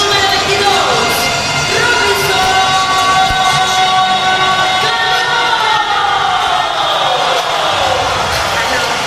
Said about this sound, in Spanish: Clase de ovación por parte de los aficionados para Robinson Cano